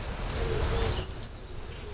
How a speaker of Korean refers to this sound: 여기서 파랑새 소리 들리네.